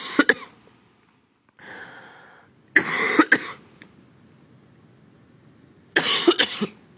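A close, loud coughing fit: several harsh bursts of coughing in clusters, with a raspy throat-clearing sound between them and short pauses of quiet, no talking.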